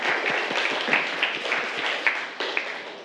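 A group of students in a classroom applauds a classmate who has just summarized a lesson on the body's organ systems, a dense, steady patter of many overlapping claps with a few sharper accents, lasting about three seconds with no talking.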